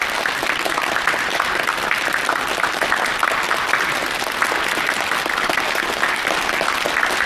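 Sustained audience applause, a dense, even wash of many hands clapping at a steady loudness for several seconds with no voices on top.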